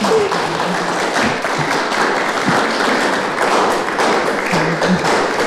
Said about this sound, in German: Ich bedanke mich ganz herzlich bei dir. Ja, da kannst du ruhig noch mal einen Applaus geben.